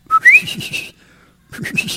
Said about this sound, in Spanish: Tiene que estar silbando ahí.